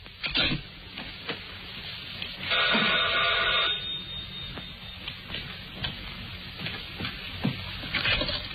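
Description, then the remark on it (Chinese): A telephone rings in one short burst of about a second as a long-distance call is placed early in the morning, a bright buzzing trill over faint background hiss and scattered clicks, with no talking. “第二天一早，弗洛内起来就打电话”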